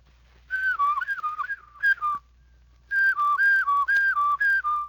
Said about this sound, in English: Do it slowly, and then add your whistle. In a short while, if you practice daily, your whistle will sound more like this.